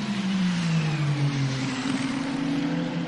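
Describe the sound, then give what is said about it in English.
Race car engines drone loudly and continuously as the cars come into the pit lane, their low humming pitch dipping and then climbing again as the cars slow and pick up. No one speaks. “I thought it wasn't time for the cars to come into the pit lane.”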